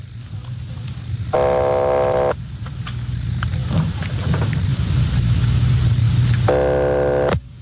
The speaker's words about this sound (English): Keep ringing, 761. They're ringing the number, Sergeant.